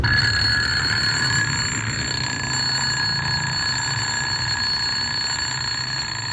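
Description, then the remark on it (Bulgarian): An alarm clock rings steadily and loudly for several seconds, a continuous bright metallic tone that never pauses, with faint low rumble underneath and no voices. “Гласът на будилника, който ви измъква от съня и отваря клепките ви, също не е обикновен глас.”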